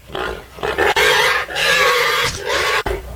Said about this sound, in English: Yeah, it starts off kind of mellow. Like kind of mellow, right? I guess that's mellow. But then, I guess that's the mellow pig. But as the dude with the dish gets closer, they get intense, man. It's kind of scary in a way.